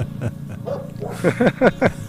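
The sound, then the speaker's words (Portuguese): Dogs bark in a quick run of four or five sharp, loud yelps near the end, over a steady low engine rumble that runs throughout. “Eles quase abafarem também o barulho dos motores, o que não é nada fácil.”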